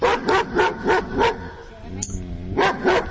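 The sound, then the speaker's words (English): A dog barks repeatedly in quick bursts, loud, with a brief pause and a short whine-like sound in the middle before more barks follow; it is one of three dogs, a Labrador Retriever, a Poodle and a German Shepherd, heard barking one at a time. “So out of the 3 dogs that you heard barking, each dog barked one at”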